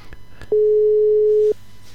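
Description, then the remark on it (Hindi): A single loud, steady telephone line tone lasting about a second, preceded by a couple of faint clicks, with a quiet hiss of the line around it and no voices, as a phone call is being placed. “दोस्तों, हम कोशिश कर रहे हैं भाई राधे जी से और संपर्क करने को, और राधे भाई को देखते हैं कि उनसे कैसे टेलीफोन द्वारा हम आउटस्टैंडिंग में ला सकते हैं।”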